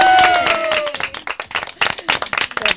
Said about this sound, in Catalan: fort aplaudiment.